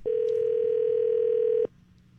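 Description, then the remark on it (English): A steady telephone dial tone hums loudly for about a second and a half as a call is placed to someone at random on the 98.1 The Max radio show, then cuts off abruptly, leaving faint background noise. “Just going to call somebody up at random.”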